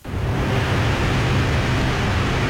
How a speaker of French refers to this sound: Tu sais, ça, c'est un ventilateur. Ouais. Il y a quelque chose d'apaisant, non?